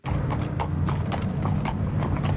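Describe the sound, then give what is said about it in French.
Five horses, ridden or led, clip-clop at midday through the town-centre streets of Saint-Pierre on their way to the port. Their hooves strike the hard street in a steady, slightly uneven rhythm of overlapping hoofbeats, fairly loud over a low background rumble, with no talking. “Le son inhabituel des sabots a résonné hier midi dans les rues du centre-ville de Saint-Pierre.”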